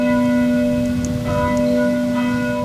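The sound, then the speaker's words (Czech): Church bells ring steadily from the neighbouring parish church directly beside a school, a sustained metallic peal with rich ringing overtones, filling the whole moment with no talking over it. “zvoni so, kaj so bych moj to skazavoj, ze susodnije vosadnije cirkvije direktnje podla šule připodnjo.”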